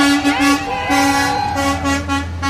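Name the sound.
fire trucks rolling out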